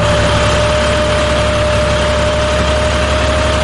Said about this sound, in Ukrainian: Кожного ранку о 6-й годині я встаю і включаю зрошення саду та завожу свій трактор і кашу траву.